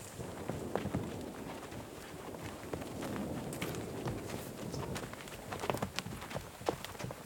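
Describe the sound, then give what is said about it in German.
Horse hooves clip-clop at a walking pace, sharp irregular knocks over a steady rustling outdoor background, moderately loud throughout. “Ja, nach Möglichkeit versuchen wir dort Pause zu machen, wo es Futter für die Pferde gibt.”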